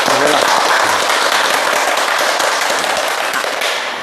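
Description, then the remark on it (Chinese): An audience of teachers and students bursts into sustained applause welcoming a guest professor at a classical poetry recitation programme, dense crackling claps filling the whole clip at steady loudness, easing slightly at the end. A few faint voices are mixed in at the start. “今天呢，我们非常高兴地邀请到了国家语委咨询委员、中国传媒大学的姚喜双教授，我们掌声欢迎。”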